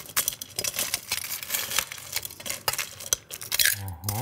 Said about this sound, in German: Also bei dem Mocktail, wie gesagt, brauchen wir einen Shaker. Den füllen wir erstmal mit Eiswürfeln.